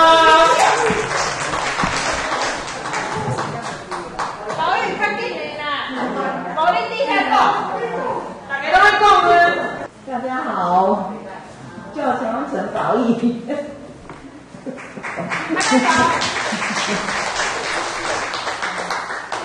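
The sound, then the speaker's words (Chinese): A group applauds at a painting class for elderly participants, with dense, steady clapping that swells at the start and again near the end, mixed with voices talking and laughing in the middle. “谢谢大家， 好，拍拍手。”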